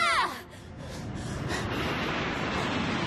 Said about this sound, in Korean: 오오오 깜짝이야. 이게 무슨 소리야? 아, 비행기 사람 태우고 슝 날아가는 거.